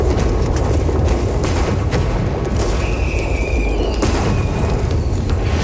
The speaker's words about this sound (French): Et tout d'abord, Montcalm va commencer par envoyer des barques pleines de tonneaux de poudre allumés aux Anglais, mais les mèches vont être mal calibrées et tout va péter beaucoup trop tôt.